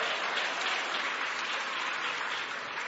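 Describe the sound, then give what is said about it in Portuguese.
An audience clapping their hands for Jesus in a steady, dense wash of applause that stays loud and even throughout, with no voices standing out. “ô glória, pode bater as palmas para Jesus, pode bater as palmas para Jesus, ô glória.”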